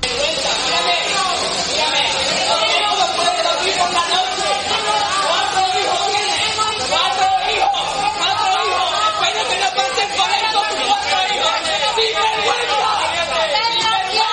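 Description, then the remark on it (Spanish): A loud, agitated crowd of Ceuta residents shouts and boos the foreign minister on his first visit to Ceuta, many overlapping voices forming a dense, steady roar of jeers and angry cries for the whole stretch. “Gritos, abucheos y reproches por parte de unos vecinos que se sienten abandonados, desamparados,”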